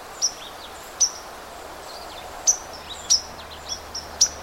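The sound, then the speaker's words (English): Sharp, high 'pink' call notes of white-throated sparrows repeat at irregular intervals, about seven short chips over a soft, steady background hiss, not far from Lake Superior; a fainter red-eyed vireo may be present beneath them. “the sound is softer than these pink, pink call notes of the white-throated sparrows”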